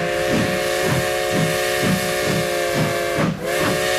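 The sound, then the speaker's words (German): A steam locomotive chuffs in a steady rhythm with loud hissing steam while a sustained, harmonic whistle sounds throughout, continuous, with no voices. “Ja, er dampft wieder, unser Modellbahn-Express Tag 2, heute beim Tag der offenen Tür in Göppingen bei der Firma Märklin.”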